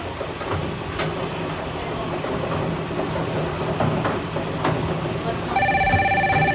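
A telephone rings in a short burst of rapid electronic trills near the end, clear and fairly loud above a steady, busy rumble of background noise, as a caller phones in a bingo to the FM 103.3 radio bingo game.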